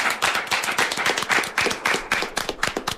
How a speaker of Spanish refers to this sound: Pero un aplauso para el equipo técnico que hace Por favor. posible todo esto, por favor. ¡Ole!